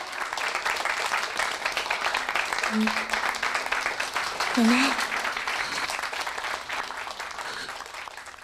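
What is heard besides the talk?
audience applause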